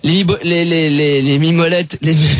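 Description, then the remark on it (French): A voice imitates the engine of a Martian moped with a loud, sustained nasal buzz whose pitch wavers and bends, broken by two short gaps before it revs up again. “Les mobilettes de Martien, c'est ça le bruit.”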